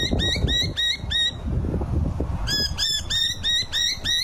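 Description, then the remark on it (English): Noisy miner birds calling in rapid, insistent runs of sharp, piping notes, breaking off briefly before starting up again, heard clearly over a steady low outdoor rumble. “Oh yeah, very, very familiar noises, but perhaps not so much the quieter birds, because while magpies topped the list this year and miners got a good run”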